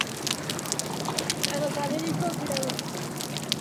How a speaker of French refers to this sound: Il n'y a pas le bruit des bateaux, donc on entend beaucoup mieux les crépitements.